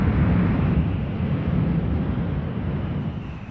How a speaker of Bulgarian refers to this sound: Изведоха Елиза от великолепните царски зали и я затвориха в тъмно и влажно подземие с железни решетки на прозорците, през които тъжно свиреше вятърът.